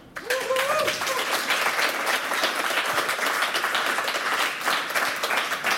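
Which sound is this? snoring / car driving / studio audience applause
studio audience applause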